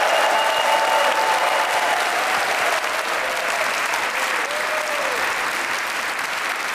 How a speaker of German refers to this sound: Das ist der Applaus für Sie, Musiker des WDR-Sinfonieorchesters, das Brassquintett und die Kolleginnen und Kollegen vom Klassikforum, das ins 40. Jahr geht.